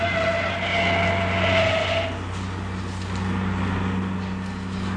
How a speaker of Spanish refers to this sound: Corriendo locamente por las carreteras del estado de Texas, el auto que conducía a Paul, a Nelly y al siniestro Whopper se encaminaba hacia las fronteras del estado.